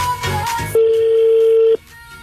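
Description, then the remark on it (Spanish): Telephone dialing tones as a call is placed: a few quick electronic beeps, then one loud, steady tone held for about a second before cutting off, with no voices. “Aquí estamos marcando. Estamos marcando. Vamos a ver si contestan”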